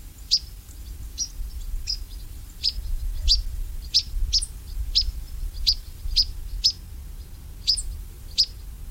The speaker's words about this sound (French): Ils sont en train de repartir vers l'Afrique, passer l'hiver là-bas. Les gobe-mouches noires qu'on entend ici, et qui sont vraiment très très communs, c'est encore un oiseau qui se porte très bien.